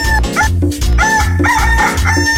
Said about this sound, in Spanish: ¡Canta, gallito! ¡Canta, gallito!